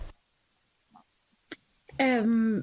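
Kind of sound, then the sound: human body sound, coughing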